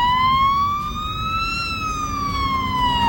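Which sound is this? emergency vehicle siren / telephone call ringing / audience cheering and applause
emergency vehicle siren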